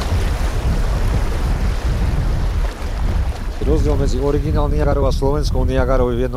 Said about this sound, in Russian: Ровный участок заканчивается. Река вновь делает поворот под прямым углом. Усиливающийся шум воды предвещает очередные пороги. Впереди местный Ниагарский водопад.